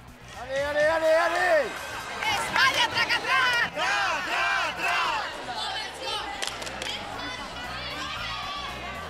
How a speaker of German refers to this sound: Und schließlich rennt ein Hund nach dem anderen um Punkte. Angefeuert und bejubelt in den Sprachen der internationalen Hundewelt.